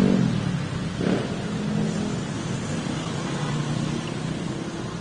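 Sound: street traffic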